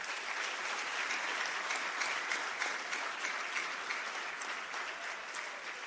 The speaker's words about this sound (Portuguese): Temos um Estado soberano e a consciência de pertencermos a uma mesma pátria, do Ruvuma ao Maputo, do Índico ao Zumbo, graças a estes jovens, a quem eu peço uma grande salva de palmas.